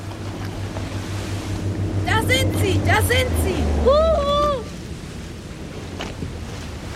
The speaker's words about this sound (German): Das ist das Wassertaxi. Yippie, sie haben gedreht.